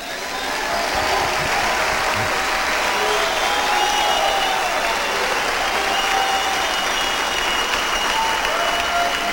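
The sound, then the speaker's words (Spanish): Sustained audience applause, a dense wash of clapping that starts almost at once and holds steady and loud for the full stretch, with no voices rising above it. “¿Y por qué no aplauden entonces?”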